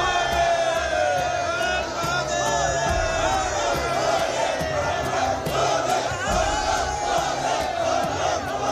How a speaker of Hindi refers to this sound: बाबा बर्फानी के दर पर लगा भक्तों का मेला। अमरनाथ यात्रा मार्ग पर फिर हो रहा बम बम भोले का जयघोष।